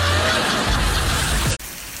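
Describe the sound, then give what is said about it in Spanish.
Steady, dense rain pours down in an unbroken hiss, loud and constant, with a brief sudden dropout near the end before the downpour resumes. “Corazón, qué padre sería poder retener un poco de agua de estas lluvias para regar el jardín.”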